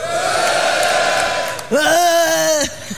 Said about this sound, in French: Ils sont toujours obligés de gueuler les garçons, hein. Hein, je sais pas, tu sais, d'hurler à la face du monde.